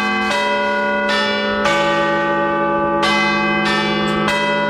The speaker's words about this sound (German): Das sind die Glocken des Big Ben und die könnt ihr live erleben.